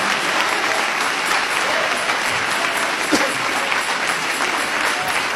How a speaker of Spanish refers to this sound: Dale ese aplauso de alabanza al Señor Jesucristo.